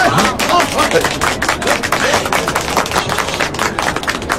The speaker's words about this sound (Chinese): 对，大家鼓掌。